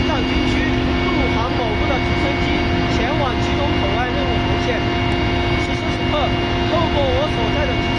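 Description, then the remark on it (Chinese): Loud, steady roar of a military helicopter of a Tibet Military District army aviation unit, heard from inside the cabin while flying to the Gyirong port, with a constant droning engine hum and whine throughout, and a voice faintly audible beneath the noise. “我现在正跟随西藏军区陆航某部的直升机前往吉隆口岸任务红线。”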